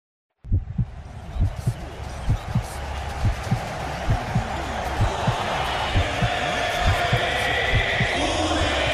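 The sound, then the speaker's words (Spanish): A deep, booming heartbeat sound effect thuds steadily, roughly twice a second, beneath a broad rushing wash of noise that slowly swells and grows brighter. “Un latido, un latido, una pasión, una pasión, y el mundo entero jugando en la misma frecuencia.”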